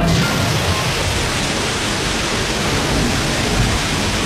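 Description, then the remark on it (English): A steady, loud rush of gushing water from a burst water main under heavy pressure, patched with duct tape, spraying and roaring continuously for the whole stretch with no voices. “Hey, this water main is under a ton of pressure.”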